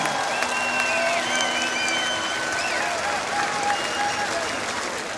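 A concert crowd applauds the peace patrol and medical patrol after an intervention, about five seconds of dense, even clapping with scattered whistles and cheers rising above it, fading slightly at the end.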